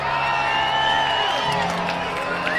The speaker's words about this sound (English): Crowd of 6,266 announced getting into it on a Saturday night in Reno.